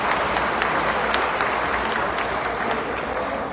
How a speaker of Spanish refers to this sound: Y a los amigos de la Nueva Concepción Chalatenango, de la Asociación de Productores Agropecuarios de Nueva Concepción, un caluroso aplauso y bienvenidos a todos.